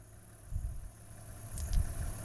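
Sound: car engine idling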